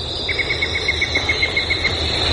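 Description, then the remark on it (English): In the morning, a yellow-breasted chat repeats a quick, even series of about a dozen mid-pitched toots, heard over a steady, high-pitched insect drone and faint low rumble. “All those different notes, you know, tweet, toot, toot, toot, toot, toot, toot, yank, yank, that's all the same bird. That's the yellow-breasted chat, and that is one of my favorites of this time of the year.”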